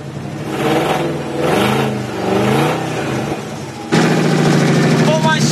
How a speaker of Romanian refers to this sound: Cam așa pornește această mașină și trebuie să vă arăt cum anume se aud acești 350 de cai putere în acest moment.